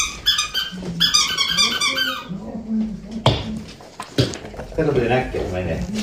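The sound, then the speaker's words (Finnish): A dog chews a new squeaky toy, setting off a quick run of high, rubbery squeaks in the first couple of seconds while a person talks throughout. “Hän on saanut uusia leluja tuliaiseksi.”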